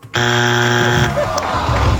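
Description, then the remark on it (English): A loud, harsh game show time-up buzzer blares for about a second, a dense steady tone rich in overtones, then cuts off as indistinct chatter and crowd noise carry on. “Oh, at the buzzer.”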